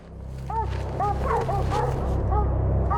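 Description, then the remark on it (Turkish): Several hunting dogs bark and bay at a young mountain lion they have chased up a tree, in quick, overlapping bursts, their mid-pitched yelping cries rising and falling over a steady low rumble throughout. “Aferin köpekler, aferin size.”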